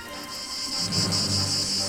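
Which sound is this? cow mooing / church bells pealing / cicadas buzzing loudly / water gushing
cicadas buzzing loudly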